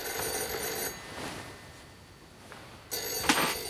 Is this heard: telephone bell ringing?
yes